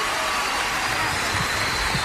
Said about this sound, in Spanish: Bien fuerte que se escuchen los aplausos.